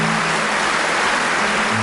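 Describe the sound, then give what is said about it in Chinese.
An audience clapping steadily, a dense, even wash of applause that holds at the same moderate loudness throughout, with no voices on top. “掌声送给”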